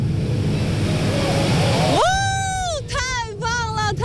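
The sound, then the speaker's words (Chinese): A steady, loud roar of rushing water from Diaoshuilou Waterfall at Jingpo Lake scenic area, Mudanjiang, China, fills the whole clip; about halfway through, a voice starts talking over the continuous wash of noise. “此刻我正站在镜泊湖景区吊水楼瀑布的顶端，在我身后不远处啊，就是悬崖跳水的出发区。”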